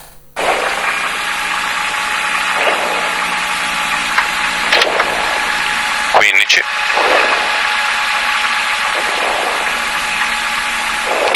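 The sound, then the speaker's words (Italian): A rally car engine roars loudly and steadily, heard from inside the car during a shakedown run, its revs surging and dropping in repeated cycles as gears change, with a sharp mechanical crack about midway through. “vediamo che cosa è successo durante lo shakedown. Salite in macchina con noi, volume a palla, andiamo.”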